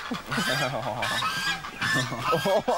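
A group of geese in the bushes honks loudly and continuously, overlapping nasal calls filling the scene with a noisy, agitated chorus.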